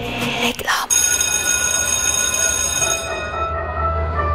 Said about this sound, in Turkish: Oh, ne güzel çalıyor değil mi? Ya insanın içine huzur veriyor. Anne babaların bu ara en sevdiği parça okul zili.